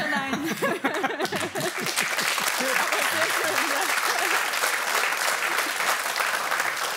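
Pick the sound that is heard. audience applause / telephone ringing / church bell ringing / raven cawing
audience applause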